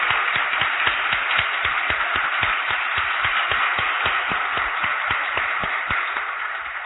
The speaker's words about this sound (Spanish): Yo les digo, para sorpresa de ustedes, que este recital está siendo grabado y que esos señores son los técnicos de la CBS Columbia, a quienes les vamos a brindar un aplauso cuando se merecen. ¿Eh? ¡Bien, muchachos! ¡Bien!